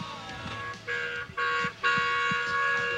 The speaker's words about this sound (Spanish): Sí, se escucha. Bocinazo, no sé de ese, porque hay varios bocinazos. No sé de quién será ese, pero le agradecemos.